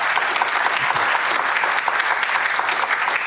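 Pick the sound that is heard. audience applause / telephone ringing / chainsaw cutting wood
audience applause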